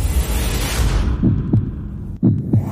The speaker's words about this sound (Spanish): Escucha. Escucha. Escucha. Son los latidos de tu corazón. Aquí en Love FM 101.5.